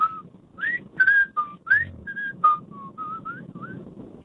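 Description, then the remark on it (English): A caller on a radio phone-in show whistles the Andy Griffith Show theme tune, a string of about a dozen short, clear notes that start bright and jumpy, then grow softer and flatter toward the end over a low rumbling background. “That's the worst Andy Griffith attempt I've ever heard. He ran out of steam.”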